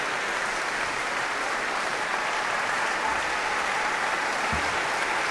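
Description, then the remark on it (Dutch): Steady, dense applause from a large concert audience thanking the London Sinfonietta as conductor Christian Carlsen gestures the ensemble to stand, many hands clapping continuously at an even level throughout, with no pauses and no voices standing out. “En Christian Carlsen gebaart London Sinfonietta, sta op en ontvang de dank van het publiek.”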